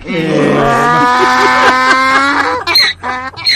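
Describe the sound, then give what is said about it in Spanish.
A loud donkey bray: a long, harsh, rising honk followed by choppy wheezing hee-haw gasps, heard alone with no talking. “Hoy también se celebra el Día del Burro.”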